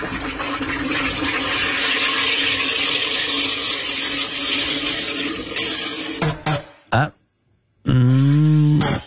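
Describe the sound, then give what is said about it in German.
A loud, steady hiss of gas fizzing into a bottle in a water carbonator making a fizzy drink for several seconds, then a few short bursts and a brief silence before a person starts speaking. “Also um da allfällige zwiespältige oder unflätige Fehlinterpretationen vorbeugen, gesucht sie wäre ein Wasser- bzw. Getränkesprudler”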